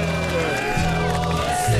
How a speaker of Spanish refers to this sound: ¡Cómo gritan los rancheros! ¡Qué lindo!